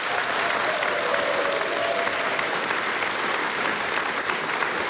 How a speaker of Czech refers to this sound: Dámy a pánové, velmi děkuji za krásný potlesk, ale teď si připravte pořádné potleskání, protože